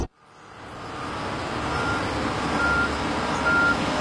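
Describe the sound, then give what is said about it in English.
A heavy road construction vehicle's engine rumbles steadily and loudly during road resurfacing, and two high, evenly spaced reversing beeps sound near the end, cutting through the low diesel drone. “watch out for vehicles today because we weren't able to close off all traffic for the stretch of road we're resurfacing today.”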